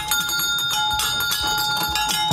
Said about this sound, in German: beim Nostalgiekarussell von Hans-Heinrich Diekmann mit der Original-Feuerwehr-Auto-Klingel von aus den 50er Jahren